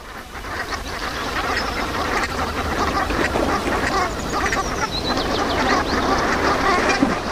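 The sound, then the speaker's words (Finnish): A flock of brant geese keeps up a dense, overlapping chorus of low, throaty calls, steady for the whole stretch, with no one talking. “viikon luontoääni Sepel Hanhi”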